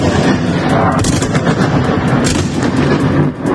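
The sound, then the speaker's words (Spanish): Dense gunfire crackles almost nonstop during an overnight Russian attack with missiles and drones on Kyiv, Ukraine, with repeated sharp cracks and heavy booming blasts layered over a loud, continuous rumble. No voices are heard. “La capital ucraniana ha estado buena parte de la madrugada bajo intenso fuego ruso.”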